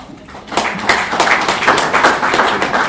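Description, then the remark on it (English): An audience celebrating 15 years of the Constitution of Kenya claps for itself, a dense burst of many hands that starts abruptly after a brief quiet moment and continues steadily and fairly loud, with individual slaps blurring into a sustained round of applause. “Why are you clapping for yourself?”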